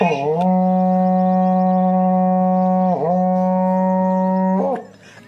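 A berrante cattle-calling horn sounds one long, loud, low blast lasting several seconds, its bellowing tone briefly wavering and dipping a couple of times before cutting off, played close with no talking.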